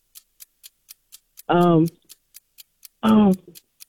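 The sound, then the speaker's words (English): A game clock ticks during a timed quiz round in a steady, rapid rhythm, about four clicks per second, fairly crisp, briefly covered twice by short bursts of a voice. “All right, start the clock.”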